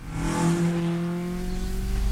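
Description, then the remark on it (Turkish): An old Tokyo-green car's engine rumbles steadily with a deep, rough low-end drone and steady harmonic tones, its pitch swelling slightly as it revs before settling back into a throaty idle. “Bu hurdanın içinde görünmemeliyim. Gümbürtüyü dinle.”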